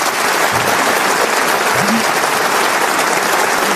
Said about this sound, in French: Rejoignez vos places. On peut applaudir nos grosses têtes qui ont défilé